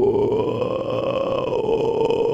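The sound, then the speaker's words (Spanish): A person vocally imitates the call of carayá howler monkeys: a sustained, deep, rough guttural roar held steadily for a couple of seconds, loud and continuous without pauses. “Hacen ese ruido los monos carayá.”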